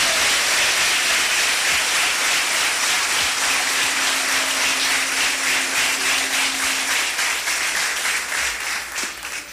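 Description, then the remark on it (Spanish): An audience at the CRET church in El Salvador applauds steadily for the brothers watching across the country, many hands clapping in a dense, loud wash of noise that holds throughout and only begins to thin toward the end. “Gracias una vez más por estar junto a nosotros en este momento y podemos mandar un aplauso a nuestros hermanos que nos miran en todo el país.”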